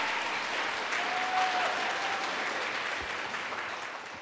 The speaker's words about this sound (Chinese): 来，我们再鼓掌一下